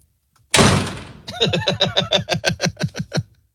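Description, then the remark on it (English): A sharp, noisy thud is followed by a fast, steady run of about a dozen loud knocks on a door, with no voices. “Who's at the door?”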